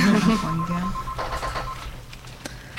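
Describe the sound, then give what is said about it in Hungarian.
A telephone rings with a steady electronic tone as a listener's call comes in to a live radio broadcast, pulsing in short repeated beeps at moderate loudness, while a voice briefly murmurs underneath at the start. “és egy telefon.”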